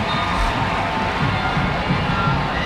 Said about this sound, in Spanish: Y bueno, pues ahí la gente aplaude, emocionada.